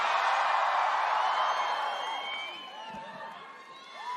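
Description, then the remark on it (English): A large concert crowd in London screams and cheers loudly in a dense, sustained roar, with high-pitched shrieks and whoops rising over it before the noise gradually eases off. “Do you have to scream so loud? I can barely hear myself.”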